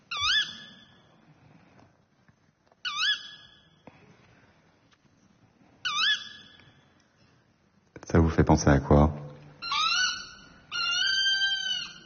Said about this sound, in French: Hulotte. Ouais, c'est la hulotte.